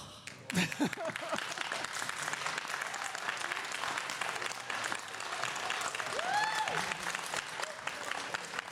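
An audience applauds steadily for several seconds, a dense wash of many hands clapping at once, with a few faint cheers and voices rising briefly within the crowd, after a guest announces she is writing the sequel to Code Lyoko.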